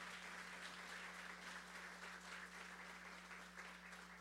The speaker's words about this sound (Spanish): Y también pido un fuerte aplauso para una persona que es sumamente importante para nuestro pueblo.